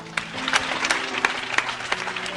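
An audience claps steadily for a couple of seconds, acclaiming the Lord, a dense patter of applause punctuated by sharper individual claps, with a faint sustained tone humming underneath.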